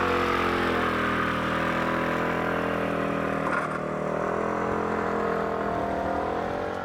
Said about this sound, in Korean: 집에 차 있어도 차 안 타고 다녀요. 오토바이 타고 다녀요.